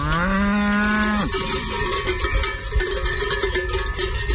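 A cow of a breed officially listed as endangered, raised mainly for meat and grazing mountain pastures, lets out a single loud, drawn-out moo that drops abruptly in pitch near its end, followed by a steady jangle of bells and outdoor background noise.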